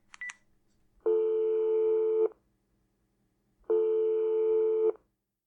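A quick burst of telephone dialing tones, then two long, steady electronic ringing tones with a pause between them, as someone phones their mother and the line rings out. No one speaks.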